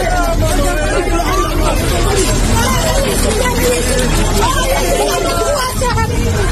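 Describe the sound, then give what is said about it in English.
A crowd of people shouting and calling out over one another moments before a building collapsed at 6 a.m. local time, in a dense, continuous babble of agitated voices, loud and steady throughout with no clear words standing out. “These people can be heard shouting moments before a building collapsed at 6 a.m. local time and 11 p.m.”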